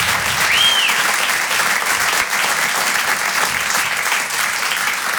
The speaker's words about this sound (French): est-ce qu'on peut applaudir tous les artistes qui sont passés avant moi ? On peut les applaudir comme il se doit.